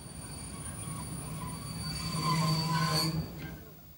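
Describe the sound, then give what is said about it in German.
A train on the Lötschberg line laboring up the steepest stretch to Kandersteg, pushed by a pusher locomotive at the rear as its third engine: a steady deep engine rumble with thin high whines and wheel squeal, swelling louder for a few seconds before easing off. “Die Schublok drückt noch einmal kräftig nach, bis Kandersteg erreicht ist.”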